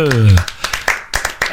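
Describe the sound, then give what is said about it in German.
A short, half-hearted vocal cheer rises and fades, followed by a handful of scattered, uneven claps from a few people, thin rather than a full round of applause, on the Bayernwelle radio morning show. “Und so langsam können wir uns ja schon mal in Stimmung bringen. Jubel!”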